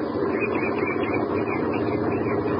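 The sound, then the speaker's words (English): A farm truck's engine rumbles steadily at an even, moderate loudness as the truck approaches a newly built bridge in the early afternoon and is waved to a stop, a continuous low mechanical drone with no voices and no clear rise or fall. “As a truck from one of the neighboring farms approaches, he holds his ancient rifle at his side and waves the truck to a stop.”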